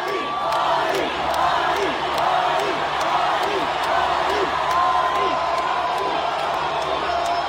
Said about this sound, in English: Man, absolutely great stuff for …. 100,000 fans chanting his name. Could you imagine?